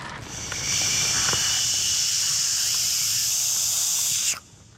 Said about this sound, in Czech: A ty ohni, naplň balón horkým vzduchem!